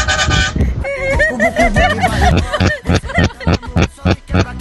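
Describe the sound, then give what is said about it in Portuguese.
A car horn honks in a strained, wavering tone, then breaks into a string of short, choppy, sputtering bursts, fairly loud, with some background noise. “Essa buzina do cara que tá meio engasgada.”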